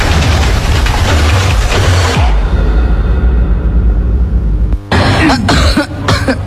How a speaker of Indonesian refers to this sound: Aduh, kok kamu jadi batuk terus sih, Mah? Aku nggak tahu, Pak. Kalau Papa ngerokok terus di ruangan tamu, asapnya sampai ke kamar Mama.